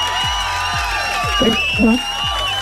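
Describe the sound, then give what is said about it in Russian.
A crowd applauds and cheers steadily for a few seconds, with scattered whoops, layered over a rhythmic low thump and sustained tonal notes; no one speaks. The applause is for a listener on a Europa Plus radio show. “И эти аплодисменты тоже для тебя.”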